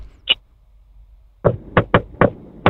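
A single sharp tap is followed by a pause, then five firm knocks on a door in quick, slightly uneven succession, fairly loud, with no voices.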